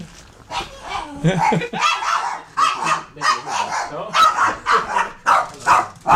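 animal, small dog barking

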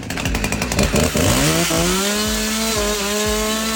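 tool, chainsaw running

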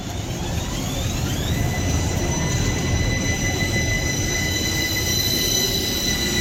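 vehicle, tram running on tracks

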